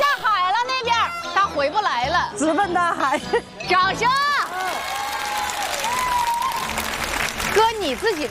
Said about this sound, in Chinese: 掌声！